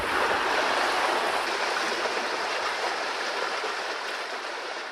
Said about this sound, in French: À 10 minutes de là, changement d'ambiance à la rivière, mais ce jour-là, pas un chat. C'est pourtant bien là que vous trouverez le plus de fraîcheur.